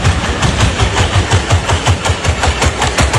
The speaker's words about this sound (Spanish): Esto es el robot corriendo, ¿eh? Esto no es otro tipo de máquina, dice, una lavadora ahí centrifugando. No. Son las zancadas del robot. O sea, ya solo escuchar el sonido a mí me da miedo.